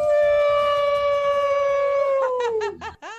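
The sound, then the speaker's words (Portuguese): A single long wolf howl rings out loud, holding a steady tone that slowly sinks in pitch before breaking into a few wavering, choppy cries at the end. “Na sexta-feira a gente pode uivar até com mais gosto, né?”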